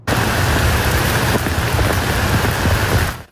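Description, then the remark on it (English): Heavy rain pours down in a dense, steady roar as storms roll through the Byward Market in the capital early in the morning in July, spattering hard on surfaces with a low rumble underneath, loud and continuous for a few seconds before cutting off. “This is a look at the downpour that we saw early this morning in the Byward Market when storms rolled through the capital.”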